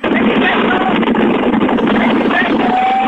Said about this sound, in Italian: Lo senti il vento? Lo senti il vento della tangenziale?